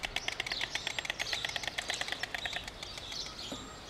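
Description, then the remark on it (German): A rapid, steady wooden clattering of a stork's bill, dozens of sharp dry knocks in quick succession for about three seconds, fading out, with faint bird chirps in the background. “Das Klappern der Störche heißt in diesem Fall, hier sind wir, geh weg.”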